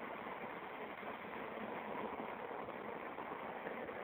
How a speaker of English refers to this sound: There's a construction site right next to me.